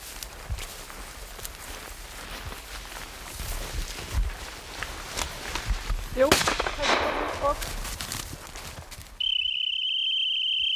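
A single sharp hunting rifle shot cracks out across an open outdoor setting with insect and wind ambience during hunting dog training, its echo trailing off; a few seconds later a steady, high-pitched whistle sounds, signalling the dog to stop.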